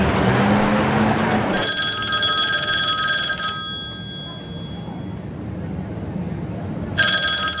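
A telephone rings in clear electronic bursts, one long ring followed by a pause and then another ring starting, over a quiet room-tone background with no voices.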